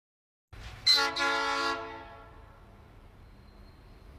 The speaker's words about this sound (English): It's an ore train, that's all I know.